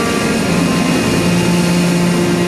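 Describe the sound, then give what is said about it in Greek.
A steady, loud airplane engine drone with a low rumble and sustained tonal whine as the aircraft taxis on the ground for takeoff; no voices. “Το αεροπλάνο τροχοδρομεί για την απογείωση.”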